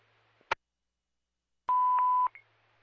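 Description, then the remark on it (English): A fire dispatch pager tone-out calling the Queensbury Fire Marshal to respond to a fire alarm: one steady, fairly loud electronic tone lasting about half a second, preceded by a sharp click and followed by a brief chirp, with no talking. “Could you tone out the Queensbury Fire Marshal to respond here?”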